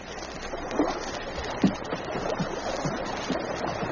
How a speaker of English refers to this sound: Suddenly, he caught the sound of voices, heard the rhythmic splash of paddles striking water. All sounds came from over the water, and he paused to listen, the pack of huskies drawing up in a half circle behind him in silence.